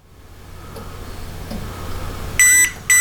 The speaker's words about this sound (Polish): Z powerbanka usłyszą Państwo sygnał dźwiękowy, a z drugiego powerbanka usłyszą Państwo, że proces ładowania się rozpoczął. Czas start. Power on, charging powerbank.